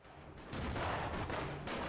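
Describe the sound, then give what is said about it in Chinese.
A single far-off gunshot cracks out, then a broad rolling echo lingers and rumbles on to the end. No voices are heard. “忽然，远处传来一声枪响，蒋作斌忙问：“ 什么声音？”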